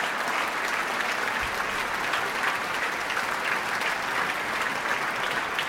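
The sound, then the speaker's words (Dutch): Sustained applause from a large concert audience for the soloists and the members of Amsterdam Sinfonietta: a dense, steady wash of many hands clapping at an even loudness throughout, with no voices standing out. “Maar ook de leden van Amsterdam Sinfonietta delen in het applaus.”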